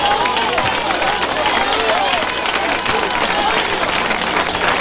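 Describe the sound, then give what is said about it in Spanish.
A crowd breaks into sustained applause, dense and steady clapping mixed with scattered cheers and voices, loud throughout the whole stretch without pause. “Dame un aplauso a Cristo que le fue.”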